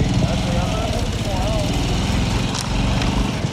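A motorcycle engine runs steadily, a continuous low throbbing rumble with a slightly wavering pitch, filling the whole stretch without pause, as it is ridden along the coast at night.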